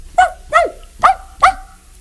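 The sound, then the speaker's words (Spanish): A small dog barks four times in quick succession, sharp high-pitched yaps spaced roughly half a second apart, fairly loud with no talking. “Podía ser un perro pequeño como este.”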